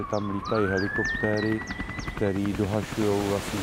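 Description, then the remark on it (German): Emergency sirens wail steadily upward in pitch, moderately loud and continuous, while a person talks over them throughout. “Die Sirenen begannen zu heulen.”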